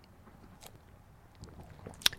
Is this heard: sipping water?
yes